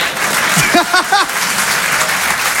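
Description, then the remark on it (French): An audience claps in a steady, dense wash of applause that fills the whole clip, answering a comedian's question about whether his accent is bad, with a few brief shouts or cheers rising over it near the start. “Et toujours par applaudissement, qui trouve que j'ai un accent de merde?”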